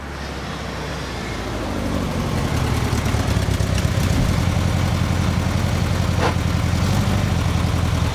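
A car engine idles steadily, a low continuous rumble with a slight rise in level after the first couple of seconds, and no voices; the car, the only one on the deserted streets, has stopped at an intersection at 10:05 in the morning.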